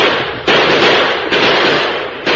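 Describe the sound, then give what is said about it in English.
Six-gun shots fired into the air ring out, about four sharp, loud cracks at uneven intervals, each one trailing into a dense, sustained rush of noise, with no voices. “At the first crack of the six guns, the Apaches whirled in confusion.”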